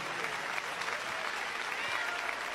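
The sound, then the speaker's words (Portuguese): An audience claps their hands to praise God in a dense, steady wash of applause that holds at an even level throughout, with no clear individual beats standing out. “Pode louvar a Deus com as palmas, meus irmãos.”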